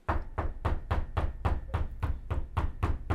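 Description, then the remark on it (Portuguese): Rapid, steady knocking on a door by the Federal Police, about four firm blows per second repeating evenly throughout, loud with a heavy thudding low end and no voices. “A Polícia Federal tá batendo na sua porta”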